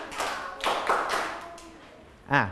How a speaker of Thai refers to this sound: ทั้งหมดปรบมือ5ครั้งขออีก1รอบเด็กๆทุกคนปรบมือ5ครั้ง